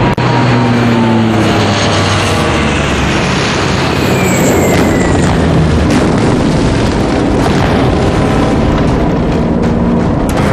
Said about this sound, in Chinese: 看见没？小日本的飞机，怎么着？还想吓唬咱们？